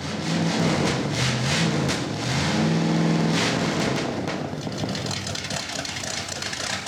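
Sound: car engine idling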